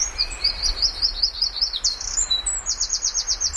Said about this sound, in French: Et donc là, c'est par déduction, on les voit pas, les oiseaux, on les entend, principalement pour les reconnaître.